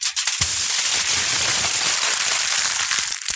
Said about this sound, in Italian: Stavo accartocciando la carta stagnola. Ma sì, sì, dai, era abbastanza facile.